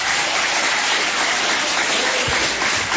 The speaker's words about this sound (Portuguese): Quem tem esta paz pode bater mais palmas, dar glórias.